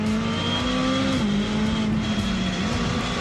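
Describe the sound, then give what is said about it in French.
A 600 LT sports car accelerating hard at full throttle on the short straight of the Ferté-Gaucher circuit, reaching 200 km/h, its loud, steady engine drone holding a strong low pitch that rises slightly, with brief dips like quick gear changes. No one speaks. “Et un des points forts de cette voiture, hein, c'est qu'on accélère à fond. Sur la pédale d'accélérateur, je l'écrase et ça motrice parfaitement.”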